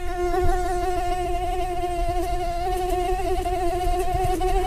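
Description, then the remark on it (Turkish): A female mosquito's wings whine in a steady, high-pitched buzz, pitched at the note A, holding loud for the whole stretch and wavering slightly in pitch, with no voices or other sounds. “İnsana sinir bozucu gelen bu ses la notasında ve aslında erkek sivrisinek için dişiden gelen bir aşk şarkısı.”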